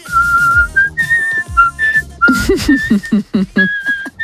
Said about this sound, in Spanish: Mira, para la banda del patio se puede venir, por lo bien que silba. Cuidado, ¿eh? Que va subiendo.